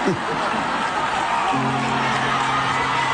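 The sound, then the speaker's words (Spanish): A loud concert crowd cheers and applauds in a dense, continuous wash of noise, and about halfway through a sustained, steady-pitched shout or tone rises above the roar. “Tremenda cagada y la gente la aplaude.”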